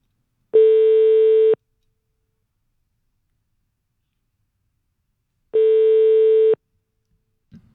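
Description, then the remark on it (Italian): A telephone ringback tone while a call is placed from a radio show: two steady one-second electronic tones separated by a long silent gap, clear and fairly loud, with no talking. “Allora, ripeto, stiamo chiamando”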